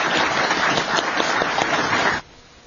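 Audience applause at the end of a Brookings Institution panel discussion on the future of U.S. security assistance: a crowd claps steadily, a dense wash of overlapping hand claps that cuts off abruptly after about two seconds, leaving near silence.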